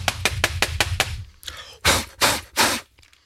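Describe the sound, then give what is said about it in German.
A computer keyboard is knocked against a surface in about seven quick, hollow taps with a dull thud behind them to shake out bread-roll crumbs, followed by three loud, breathy whooshes of air blown across it to clear them away. “Tastatur ausklopfen und Brötchenreste wegwischen und wegpusten, damit die Kollegen, die später kommen, dass sie auch noch hübsch haben.”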